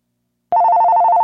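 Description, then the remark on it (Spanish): A telephone bell starts ringing abruptly after a half-second of silence, a loud, rapidly trilling electronic ring that continues steadily to the end with no voices. “Ahí está el teléfono.”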